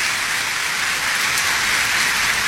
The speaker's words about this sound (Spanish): son los miles que nos están viendo en las naciones, a los cuales los saludamos con un caluroso aplauso, que hacen parte de esta iglesia.